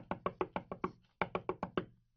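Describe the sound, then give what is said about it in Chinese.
Someone knocks firmly on the door of a home in two quick bursts, six raps, a brief pause, then five more, evenly spaced, with no voices. “有一个女人趁丈夫出差的机会与她的情人在家中幽会，正在难分难舍之际，突然传来敲门声。”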